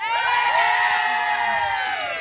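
A group of students on a truck in Braga cheers and shouts together, a dense, sustained wall of high-pitched whoops and yells that stays loud for about two seconds without letting up.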